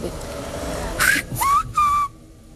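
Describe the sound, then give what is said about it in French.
A human whistle renders the word "Francisco" in Silbo Gomero, with its syllables detached: three loud, pitch-gliding bursts in quick succession, rising and sliding like syllables. A brief murmur comes before it, and no one speaks. “Tu siffles Francisco et en fait, tu détaches Francisco.”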